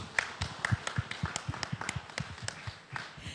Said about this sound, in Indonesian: Boleh kita beri tepuk tangan yang meriah?